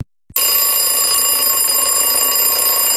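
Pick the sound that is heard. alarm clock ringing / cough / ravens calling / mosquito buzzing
alarm clock ringing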